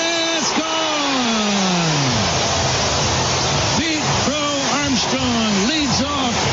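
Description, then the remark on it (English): A stadium crowd roars after a 435-foot first-inning leadoff home run, the batter's 34th of the year, against the Reds: a loud, steady wall of cheering that never lets up, with individual voices yelling and hollering in rising and falling pitches above it. “Listen to this crowd.”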